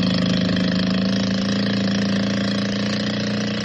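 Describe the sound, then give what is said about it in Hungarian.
A racing motorboat's engine roars steadily as the boat speeds out onto a lagoon, its bow lifted high out of the water, on a clear summer morning: a loud, constant droning hum with a strong low pitch that holds even throughout, with no voices. “Mögöttük egyszerre felviharzik a víz, a csónak felkapja az orrát magasra ki a vízből, mintha fel akarna repülni, és panaszos bőgéssel veszettül rohan ki a lagúnára.”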